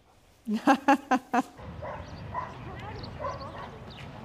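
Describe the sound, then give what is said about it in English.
A mine detection dog in training lets out five quick, sharp barks in a rapid burst, indicating a target such as TNT or C4 placed in a steel dish. The barking then stops and indistinct voices murmur in the background. “So this is the way how the dog should indicate target.”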